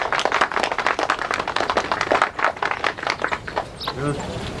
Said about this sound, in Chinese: 好，开始吧。 来， 讲吧，大家鼓掌。 来。